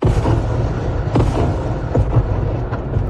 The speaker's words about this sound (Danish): Og hun blev holdt vågen det meste af natten af bombardementer og luftalarmer.